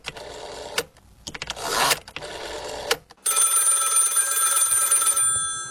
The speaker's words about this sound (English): Obviously a telephone, but it's a dial telephone or rotary phone. And I want to talk about that this half hour because it was on this day, back in 1896, that the radial dial telephone was invented. Yeah, the old rotary phone.